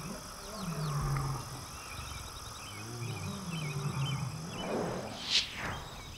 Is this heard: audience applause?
no